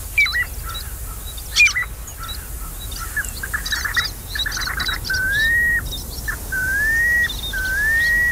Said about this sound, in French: Est-ce que vous le reconnaissez, ce petit oiseau de rivage? Il s'agit du pluvier siffleur. C'est quand même un oiseau qui requiert bien des soins, je dirais, parce que c'est une espèce en voie de disparition.